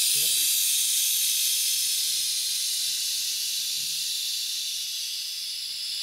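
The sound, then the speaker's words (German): A steady, loud hiss of steam escaping from a pressure pot fitted with a hose, used to harden the plastic of a dental brace, continuous for several seconds and fading slightly toward the end, with faint murmurs of voices underneath. “Wie Omas dann Dampfdrucktopf. Aber meine Oma hat nicht so einen Schlauch.”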